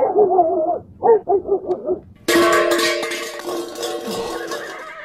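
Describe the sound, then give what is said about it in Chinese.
A horse neigh sound effect plays for about two seconds, a loud, wavering neigh that breaks into quick pulses, then a bright, noisy crash-like burst takes over and rings on to the end. “咋了，我现在这个音效得准备两个音效是吧，一个是马叫的音效，还得准备一个摔盆的音效啊。”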